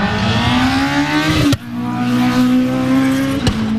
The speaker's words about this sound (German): Das Bergrennen Oberhallau 2026 ist damit auch für die 6 Fahrer aus der Region Schaffhausen schon wieder Geschichte. Die nächste Ausgabe, wo die Motoren durchs Klecki heulen, ist am letzten Augustwochenende 2027.